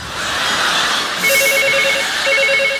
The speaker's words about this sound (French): Téléphone. J'entends.